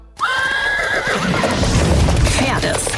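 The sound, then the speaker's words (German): A loud horse whinny rises and wavers near the start, over a busy rumble of clattering hooves that continues to the end, with a second fainter whinny later. “Erlebt das Pferd, das fünfte Element.”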